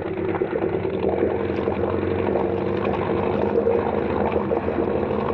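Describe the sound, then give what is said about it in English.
A boat engine drones steadily at high revs, around 2,800 RPM and pushed toward 3,000, loud, with a constant low rumble and no pauses, alongside a wash of rushing water as the boat throws a large wake. “Turning up 2,800. Still a little hot. I want 3,000.”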